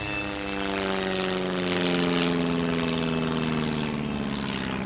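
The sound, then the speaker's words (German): A propeller airplane drones steadily overhead, its engine a continuous, fairly loud hum with a layered buzzing tone that holds for the whole stretch without a break, and no voices. “Diese erleiden keinen Schiffbruch, sondern steuern das Frauenland mit einem Flugzeug an.”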